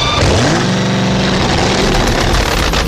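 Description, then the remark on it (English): A 2,000-horsepower supercharged drag racing engine in a 1,700-pound fiberglass Chevrolet Vega revs up sharply, its roar climbing in pitch and then holding at a steady, thunderous idle-like drone, dominant with no voices. “Put in a 2,000-horsepower supercharged drag racing engine.”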